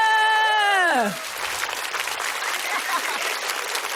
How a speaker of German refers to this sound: Kann man ruhig mal klatschen an der Stelle. Das ist schon toll. Herzlich willkommen zur Smash Comedy Show, Leute!